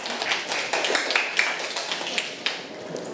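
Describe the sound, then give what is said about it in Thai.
A group of students clapping their hands for themselves at their teacher's request, a dense, steady patter of many claps blending into brief applause at moderate volume, with no talking over it. “ปรบมือให้ตัวเองค่ะ”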